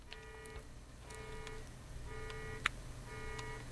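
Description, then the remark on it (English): An electronic alarm beeps steadily, four buzzy tones about half a second long repeating roughly once a second, somewhat faint with a low background hum and one sharp click partway through. “And so, some kind of alarm going off.”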